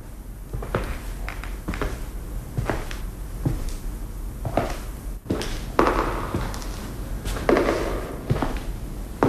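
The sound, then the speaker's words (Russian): Steady footsteps with a hollow, reverberant echo, about a dozen evenly paced steps at moderate loudness with no voices. “Шаги отзываются эхом.”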